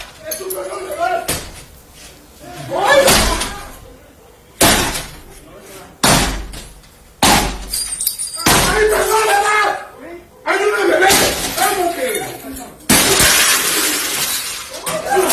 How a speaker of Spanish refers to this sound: Imágenes, observa a dos sujetos con capuchas y armas largas tirar la puerta del acceso de la vivienda ubicada en el municipio de Nanchital. Esto es al sur del estado de Veracruz